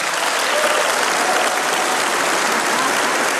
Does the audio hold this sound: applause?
yes